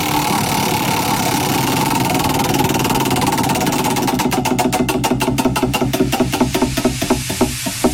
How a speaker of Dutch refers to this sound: Oké, ik ga het rad weer even draaien.